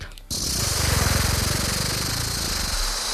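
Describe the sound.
Someone imitates a rattlesnake's rattle with their voice: a loud, continuous hissing buzz of rapid pulses that starts abruptly and holds steady for about three seconds.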